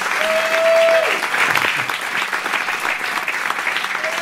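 Steady, dense applause from a concert crowd fills the whole clip, loud and sustained, with a brief held tone sounding underneath at the start before the clapping carries on alone.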